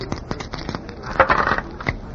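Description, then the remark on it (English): Dice are thrown to try for an 8 and clatter and tumble across a hard surface in a quick run of sharp clicks, with a denser rattling burst midway before the rolling settles on 5-3. No one speaks. “It is not nice for a doll to be carrying dice. Look, what do you want me to throw? Try an 8”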